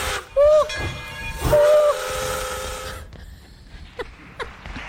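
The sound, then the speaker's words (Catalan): A train whistle blows twice in steady tones, the second blast longer, over a broad hissing rumble of a departing train that fades into quieter clanks and knocks. “Quina sort que tenen d'agafar el tren a l'hora, no?”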